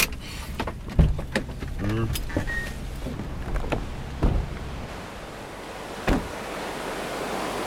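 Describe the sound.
Steady, broad rush of water pouring over a river weir fills the outdoor scene, while a few sharp knocks and clicks sound and faint voices drift in.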